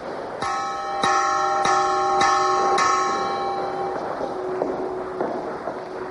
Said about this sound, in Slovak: Zvon z druhej polovice 17. storočia vyrobený v Prešove.